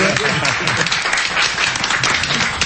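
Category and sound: crowd, audience applauding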